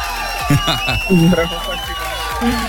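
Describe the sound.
A crowd cheers and claps in a steady, dense wash of noise, with several excited voices whooping and shouting over it for the whole few seconds, on the Europa Plus radio station for a guest being given a Europa Plus T-shirt.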